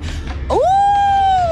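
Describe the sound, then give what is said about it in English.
A human voice imitates a wolf's howl: one long, loud note that sweeps upward, then holds steady at a high pitch before dropping slightly at the end, with low rumbling underneath. “Oh, a wolf.”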